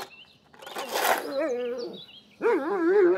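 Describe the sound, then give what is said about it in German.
A dog barks on a farm, loud and drawn-out, a couple of rough, wavering yowls separated by a brief pause, with no talking over them. “Du kriegst immer mal einen Herzinfarkt, Hund, ganz ehrlich.”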